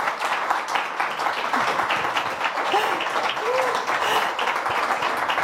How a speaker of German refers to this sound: Ja, erstmal den Applaus abholen und genießen.